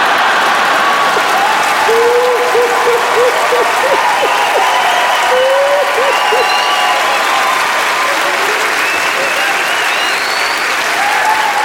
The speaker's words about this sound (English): Is some of you clapping, some are laughing, some are like, it's still not funny.